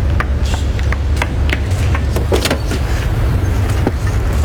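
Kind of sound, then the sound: vehicle, car running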